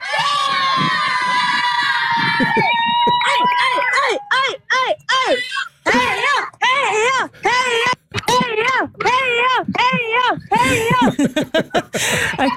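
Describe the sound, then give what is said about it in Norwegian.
A small group of supporters cheers loudly for passing runners, starting with one long drawn-out shout that breaks into a string of rapid, rhythmic chanted "heia" cheers. “Men som dere hører, så skal dere ikke stå på heia-rop.”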